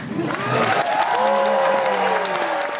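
A concert audience applauds a jazz quartet at the opening of the Zigzag Jazz Festival in the Gasometer on the EUREF Campus, Berlin-Schöneberg, a dense wash of clapping, loud and sustained throughout, with a few rising whistles and cheers sweeping over the top.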